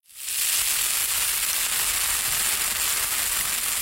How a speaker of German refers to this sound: Lecker, da brutzeln sie in der Pfanne, die evangelischen und die katholischen Bratwürste.